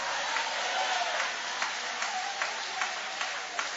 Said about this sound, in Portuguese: Pode aplaudir a Ele. Pode louvar o nome dEle. Pode exaltar o nome dEle.